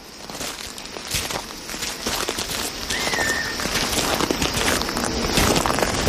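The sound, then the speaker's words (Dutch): Steady footsteps swish and crunch through grass at an even walking pace as people walk across an open grassy plain, with a faint bird call briefly in the open background. “We lopen over een open vlakte, maar we zien wel ook wel her en der bosjes, hè?”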